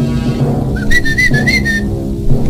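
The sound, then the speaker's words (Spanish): A high, wavering whistle from a spirit, at 4 o'clock in the afternoon, rises and holds for about a second over a low, steady droning background, then fades away, leaving the hum alone. “El espíritu comenzó a silbar.”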